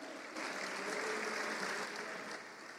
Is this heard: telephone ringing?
no